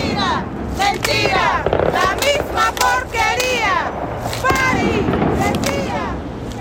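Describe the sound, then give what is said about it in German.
A loud, dense street protest in central La Paz: a crowd shouting and chanting, with sharp firecracker bangs and pops bursting repeatedly through the din. “Und ewig gibt es hier Demonstrationen und Proteste und Märsche. Die sind dann meistens sehr, sehr laut. Da wird geböllert und geknallt und gerufen.”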